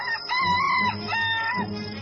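A junglefowl crows loudly for the first time, giving two drawn-out cock-a-doodle-doo calls in quick succession with no one talking.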